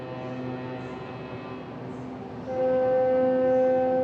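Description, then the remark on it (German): Several small boats sound their horns around a cruise ship casting off in a port city, over a steady low engine rumble; sustained tonal blasts overlap, with a louder, higher horn joining midway and holding to the end. No one speaks. “Wären da nicht die anderen hupenden Schiffchen drumherum?”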